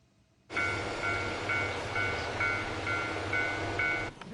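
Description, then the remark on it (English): A train rumbles steadily at Otsuchi Station of the Sandiku Railway in Iwate Prefecture, northeastern Japan, fairly loud, with a high ringing tone pulsing roughly twice a second over the low rolling noise before it cuts off. “Visitors took photos on Sunday in front of Sandiku Railway's Otsuchi Station.”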